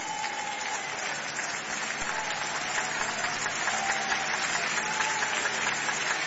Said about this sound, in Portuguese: Todos, todos, todos. Todos glorificando a Deus com palmas.